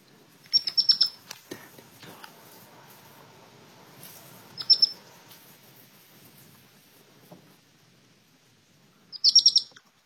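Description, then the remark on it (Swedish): A baby hedgehog chirps to its mother in three short bursts of thin, high-pitched squeaks, spaced several seconds apart, against a quiet outdoor background with faint rustling, in a garden where the mother hedgehog was moving her young. “Alltså det lät ju när en av ungarna kvittrade till sin mamma.”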